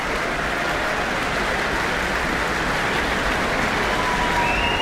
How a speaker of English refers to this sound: Yeah, lots of whistles and cheers.